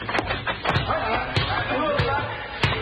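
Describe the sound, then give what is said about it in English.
A basketball thumps against a hard court several times at uneven intervals during a physical education class, sharp hollow bounces cutting through a steady wash of chatter and voices from many people. “Let's cut across the basketball court.”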